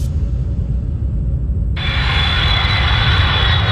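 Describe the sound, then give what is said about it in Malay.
A steady, loud airplane engine drone with deep low rumble throughout during a flight; midway a bright high-pitched whine joins in. No voices. “Setiap orang pastinya mempunyai pengalaman berbeza-beza ketika menaik pesawat.”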